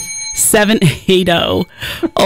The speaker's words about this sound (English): has rung the bell, which is signifies to you it's the final song of the challenge.